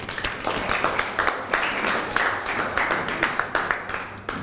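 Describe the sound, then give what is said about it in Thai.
A crowd of students claps steadily for student representatives at a school activity, dense overlapping hand claps with sharp transients forming continuous moderate applause for several seconds, with a faint murmur of voices underneath. “ตัวแทนนักเรียนพร้อมไหมคะถ้าพร้อมแล้วขอเสียงปรบมือให้เพื่อนหน่อยค่ะ”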